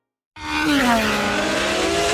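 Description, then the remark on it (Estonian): Race cars at the Boden Kinnisvara Estonian Grand Prix at Porsche Ringrada in Pärnu, Estonia, tear past with squealing tires. A sudden, loud roar of engines bursts in after a brief silence, its high whining pitch sliding downward as the noise stays steady to the end. “Augustil kohtume taas Pärnus Porsche Ringrajal, kus kihutavad regiooni kiiremad autod ja mootorrattad.”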